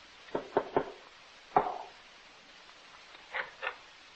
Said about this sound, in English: There's a house. A stone house. Yeah. That must be it. The broken gate. The cow tied in the yard. Come on. It must be right. I'll knock.